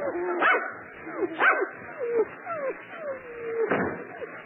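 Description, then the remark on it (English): Several dogs bark and yelp in an excited, overlapping chorus, with sharp barks mixed among drawn-out whining howls, moderately loud and continuous throughout. “We got to get away from these dogs.”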